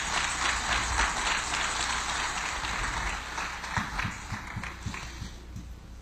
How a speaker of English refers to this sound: Somebody shout amen. Wow. Come on, give the Lord a hand clap of praise in the house.